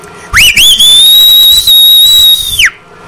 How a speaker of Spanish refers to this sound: Este es un chiflido para el Candy, o sea, el Dulces.